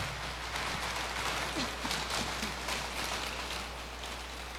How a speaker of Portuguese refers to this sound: Nossa Senhora merece uma salva de palmas, né, gente?